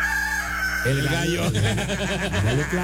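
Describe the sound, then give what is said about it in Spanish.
A person's voice imitates a rooster crowing: a loud, drawn-out cock-a-doodle-doo with a steady opening note breaking into a wavering, warbling call, heard alone without talk. “El gallo.”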